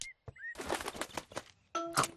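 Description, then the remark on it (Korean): Brief high chirps, then a burst of rustling, fluttering noise like wings settling, followed by a louder run of bright, tonal sparrow chirping at the end, as sparrows arrive to eat flower seeds scattered on the ground. No one speaks. “참새가 와서 할아버지가 뿌린 꽃씨를 먹고 있어요.”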